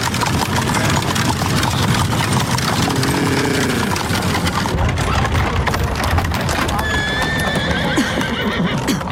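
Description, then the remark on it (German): Hooves of a horse-drawn carriage clip-clop steadily past pedestrians strolling down toward the Graben, amid a dense rumble of wheels, with a horse whinnying partway through and again near the end. “Vorsicht, Watson, lassen Sie die Kutsche vorbei.”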